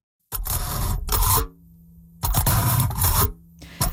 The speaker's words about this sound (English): So that's the sound of a fork poking through aluminum foil.